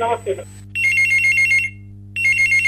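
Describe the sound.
A telephone rings with an incoming call to the Hello Kisan farming phone-in programme, two bursts of rapid trilling electronic ring separated by a short pause, heard clearly and fairly loud after a brief moment of a voice speaking.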